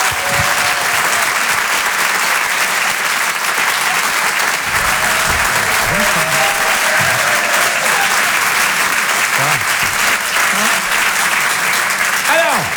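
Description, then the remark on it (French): A crowd applauds steadily for over twelve seconds, welcoming Ali Vardar, known for his comedy stage plays, a dense, loud wash of clapping that never lets up, with faint cheers or voices flickering underneath. “Je vous demande de l'applaudir très très chaleureusement, s'il vous plaît.”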